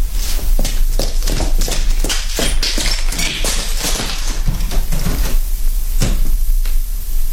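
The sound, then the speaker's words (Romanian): A door is opened as someone goes out through it, amid a run of irregular wooden clacks and rattles spread over several seconds, fairly loud, over a steady low rumble. “Ah, da, am găsit-o. Să ies pe ușe.”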